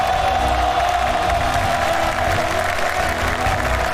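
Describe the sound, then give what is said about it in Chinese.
A large audience applauds steadily and loudly, with scattered cheers mixed into the dense clapping, welcoming representatives of the officers and soldiers of China's easternmost Dongji sentry post and the westernmost Simuhana border company post; it holds at an even level from start to finish. “今天这两个哨所的官兵代表也来到了现场，我们掌声有请。”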